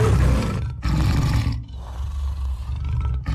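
A tiger lets out deep, rumbling roars, loud, in a couple of powerful bursts with brief pauses between them, no voices present.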